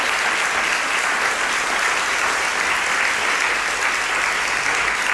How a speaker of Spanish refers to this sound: Quería darles a todos ellos un aplauso, por favor, para los compis de Radio Sevilla